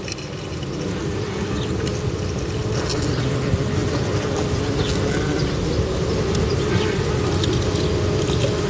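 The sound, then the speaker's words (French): A small wasp buzzes inside hollow tubes that act as resonance boxes, picked up with a parabolic microphone, making a steady, low, resonant drone that holds at an even loudness throughout, with faint fluttering ticks from its wings scattered across the hum. “C'est sûrement une guêpe qui clignote quelque chose.”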